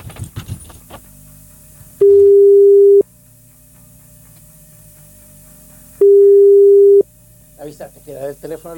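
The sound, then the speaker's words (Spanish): A telephone ringing tone on the line as an outgoing call is placed from a radio station's phone: two long, steady one-second beeps spaced about four seconds apart, loud and clear, with people talking briefly before and after. “Hacemos el llamado telefónico. Le avisamos, avísale por el momento que estamos. No, si ya le avisé, dale nomás. Llamando, a ver.”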